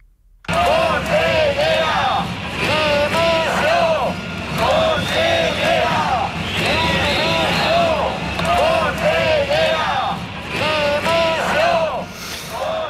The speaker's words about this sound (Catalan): I aquests són alguns dels crits de les consignes que es van sentir ahir en la manifestació massiva a València en defensa de l'educació pública i per reclamar també al govern que atengui les demandes dels docents que porten dues setmanes de vaga.